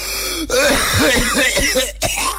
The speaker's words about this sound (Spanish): Oye, como que me acordé de alguien con esta tos cuando se enfermaba.